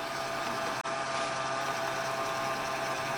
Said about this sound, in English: Beautiful Smeg blender. See, and it will look all crumbly.